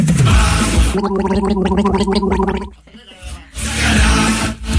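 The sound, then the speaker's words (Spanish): A harsh, raspy throat-clearing cough caused by a small hair in the throat while talking: a rough burst, then a gurgling, stuttering rattle in the middle, then another loud raspy burst. “Boludo, tengo un pelito en la garganta. Hablo, hablo y me hace toser.”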